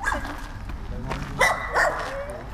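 Two quick dog barks ring out close together, moderately loud, over a steady outdoor background hum with faint indistinct murmuring, from a dog brought to a new dog urinal post in the centre of Jihlava, Czech Republic.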